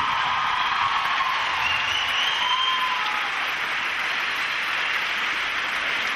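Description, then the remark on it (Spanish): Steady, dense applause from a crowd for the performer's accompanying musicians at an evening show fills the whole stretch at an even loudness, with a few faint whistles or whoops rising through the clapping. “Y después otro aplauso muy especial para todos mis músicos que me acompañan esta noche.”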